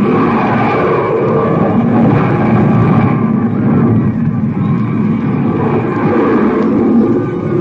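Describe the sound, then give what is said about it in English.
A loud, steady roar of the landing rocket ship from Mars, rumbling without a break, thick with low, churning noise and a rough hiss above it, powerful throughout, as the Martian ship idles over the field. “There they are! They're coming in! The landing rocket ship first!”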